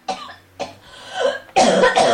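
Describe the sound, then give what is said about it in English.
A run of harsh coughs: two sharp bursts followed by a longer, louder rasping fit, with no talking. “Maybe a drop of cough mixture or one of those little honey-flavoured sweets. Good for the throat, not a euphemism.”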